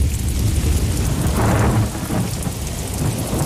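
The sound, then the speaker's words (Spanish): A thunderstorm with steady rain pouring down and a deep rumble of thunder swelling midway, loud, with no voices. “Un placer reencontrarte contigo siempre, Cristina, tras la tormenta y cuando el cuerpo aún está notando la humedad alrededor.”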